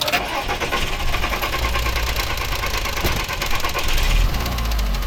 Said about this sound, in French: Et donc là, j'ai tout de suite coupé le moteur. La voiture faisait ce bruit bizarre. Là, vous entendez ?